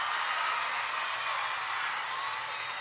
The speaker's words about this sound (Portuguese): Com todo o carinho dessa plateia maravilhosa aqui. Beijo. Salve de palmas pra todas as minhas fãs lindas, maravilhosas e cheirosas.